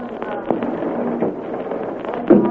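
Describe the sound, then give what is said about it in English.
A low-flying airplane drones steadily, a rough, continuous engine roar with a few sharp crackling pops breaking through, holding at a fairly even loudness throughout with no voices. “There's a plane out there flying low.”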